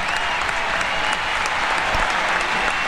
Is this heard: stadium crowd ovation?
yes